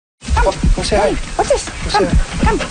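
A 10-year-old dog whimpers and gives short, high yelping barks in a repeated run of rising and falling cries, fairly loud, with steady background noise underneath.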